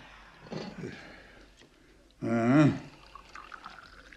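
Freshly brewed evening tea is poured into a glass outdoors in one short, gurgling stream whose pitch rises as it fills, preceded by soft clinks and rustling, with quiet background murmur.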